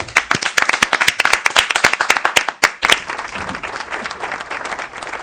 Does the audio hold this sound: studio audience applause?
yes